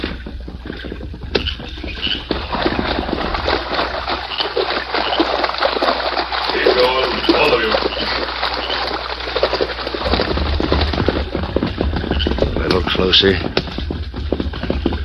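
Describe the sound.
Horses' hooves splash steadily through a shallow creek, a continuous sloshing and churning of water with muffled voices faintly mixed underneath.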